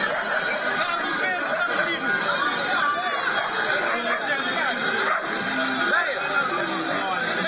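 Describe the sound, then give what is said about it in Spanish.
A dense, steady din of a crowd celebrating in the street in Cape Verde after a draw with Spain's national team, many voices shouting and chattering at once, with the noise of cars blended into the constant uproar. “La algarabía de la isla.”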